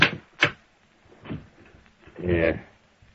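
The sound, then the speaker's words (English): A couple of sharp wooden clacks, then a short scraping slide as a desk drawer is pulled open, moderately loud. “Well, I got a fix of Littlefield right here in this drawer.”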